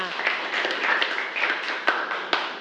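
A class of students claps together for a classmate in a steady, dense patter for a few seconds, many hands applauding at moderate loudness with a few sharper claps standing out.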